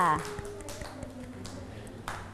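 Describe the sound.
Children in a class clap their hands for a classmate at their teacher's request, a loose, uneven patter of sharp slaps, moderately loud, following a brief voice at the start, with faint murmuring underneath.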